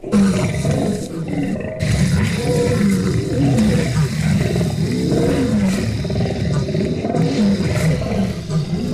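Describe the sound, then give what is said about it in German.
A lion roars loudly and continuously, deep rumbling growls rising and falling for the full length without a break, powerful with no talking. “Löwen sind bei den Lieblingstieren immer weit vorne mit dabei. Und es klingt ja auch cool.”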